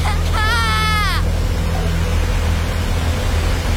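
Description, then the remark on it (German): A loud, steady roar of rushing water at a weir fills the scene without pause, broad, with a brief high-pitched cry or whine rising over it near the start. “und plötzlich bin ich beim Wehr. Ich schaue ins Wasser. Es ist so laut.”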